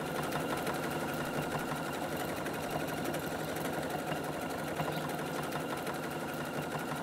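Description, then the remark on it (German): A sewing machine runs steadily for the whole stretch, a dense, even mechanical whir with a fine rapid rattle of the needle and no pauses, fairly loud and alone without voices. “Schnurze wieder, ne? Wie ein Kätzchen.”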